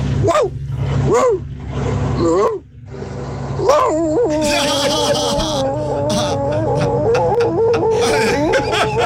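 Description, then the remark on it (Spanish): A person imitates an old workshop dog, giving a few short rising yelps before launching into a long, wavering howl that carries on to the end, loud, with hissy noise behind it. “voy a ser como perro de taller, este perro viejo”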